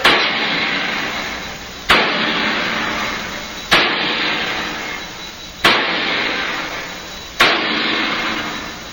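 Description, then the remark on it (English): A heavy sledgehammer strikes metal five times at a slow, steady pace, tightening the wing bolts that hold a metal door shut, each loud clang ringing out and fading before the next blow. No one speaks. “They have to be tightened by hammering with the sledge.”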